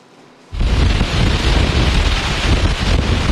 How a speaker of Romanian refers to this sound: Aici, în Constanța, vântul suflă cu putere, cu 70 de kilometri pe oră la rafală. După cum puteți vedea, marea este agitată